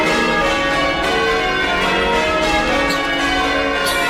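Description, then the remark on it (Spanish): Church bells ring in a full, continuous peal, their overlapping tones sustained and loud throughout, with no voices present. “¿y estas campanas? Pues 2 años después, en 1527, sonaban campanas de boda para Margarita”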